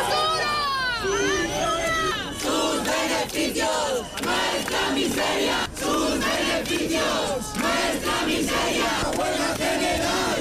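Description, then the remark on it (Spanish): A large crowd of thousands of people gathered in front of the Congress in Madrid, indignant over the vote, chants and shouts in unison, voices rising in loud, rhythmic bursts with brief pauses between phrases, one higher voice wavering over the start before the chant takes hold. “En Madrid, miles de personas han seguido por la mañana el pleno concentradas frente al Congreso, indignados con la votación.”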